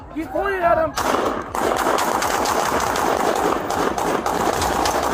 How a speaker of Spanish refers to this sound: Los disparos vinieron después de que Macías apuntara con una pistola y luego corrió de nuevo.